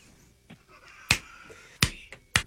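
Three sharp finger snaps ring out, spaced unevenly about half a second to a second apart, with a faint low background murmur between them.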